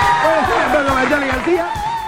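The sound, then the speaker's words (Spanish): A crowd cheers and claps loudly and steadily for a singer, with overlapping high whoops and shouts rising above a dense wash of applause and a few low, rhythmic thumps underneath. “Fuerte el aplauso para ….”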